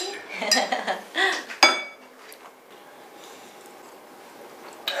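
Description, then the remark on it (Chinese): Several quick glassy clinks ring out, the brightest one near the middle, as glasses are tapped together in a toast at a family dinner, followed by a quiet murmur with faint tableware sounds. “来，我先敬你们。 来，干杯！”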